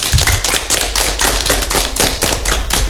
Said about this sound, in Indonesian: Tepuk tangan buat kita dulu.